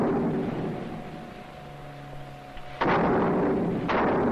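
An artillery gun fires with a sudden heavy boom that rumbles on, then a second sharp blast follows about a second later, both loud over a low steady hum.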